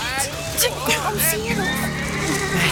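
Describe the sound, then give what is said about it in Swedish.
Several horses ridden by six soldiers whinny and neigh in quick succession, their high wavering calls overlapping over a steady background of indistinct voices and bustle. “6 stycken soldater på hästar.”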